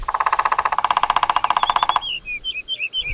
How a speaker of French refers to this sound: Un oiseau avec des plumes vertes, une tête rouge et un long bec. C'est un pivert. Le pivert tape avec son bec sur le tronc de l'arbre pour parler avec les autres oiseaux. Il tambourine.